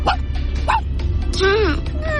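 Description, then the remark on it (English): A voice imitates a tiny dog on request with a few short, high yips, then a longer whiny yelp that rises and falls, over a low background hum. “What about the tiny dog?”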